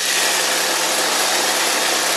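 A motorised hedge trimmer runs steadily, its engine giving a loud, continuous buzzing drone with a broad hissing edge and no pauses or voices.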